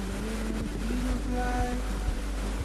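A steady, dense, thunderous roar of rushing valley stream water at Jukgye Gugok on Sobaeksan after rain, loud throughout, with a low droning hum running underneath.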